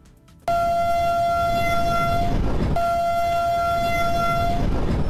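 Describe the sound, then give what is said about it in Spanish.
One of the first new Bogotá Metro trains sounds two long, steady horn blasts, each about two seconds, over a continuous loud rumble of the train running during energized tests, near Avenida Villavicencio and Avenida Guayacanes in southern Bogotá, Colombia. “El sonido protagonista de las pruebas energizadas de los primeros trenes del Metro de Bogotá.”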